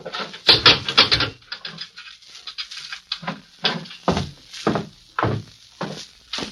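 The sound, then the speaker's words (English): A jail cell door slams shut with a loud metallic clang, followed by a series of heavier clunks and rattles as a sheriff locks it, with no talking. “I've got to lock you in while you talk to the prisoner”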